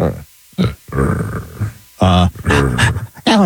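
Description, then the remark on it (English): Several people imitate a puppy with their voices, making short yappy barks, whines and growly grunts in quick, uneven bursts. “I would like for you guys to do a little panting and barking and puppy talk to each other about how fantastic I am.”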